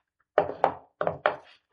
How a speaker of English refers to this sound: Then he got up. He took out his gun. Laid it on the table.